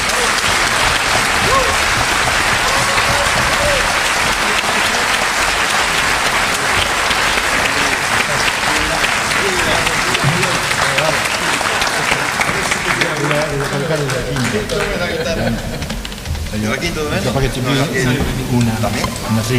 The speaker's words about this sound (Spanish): Gran aplauso.